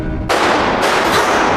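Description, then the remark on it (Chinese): Loud gunfire erupts suddenly after a brief quiet moment, a harsh sustained blast with further shots cracking through it, and no voices. “爸爸，哥哥， 这是空弹壳，刚才是枪声。”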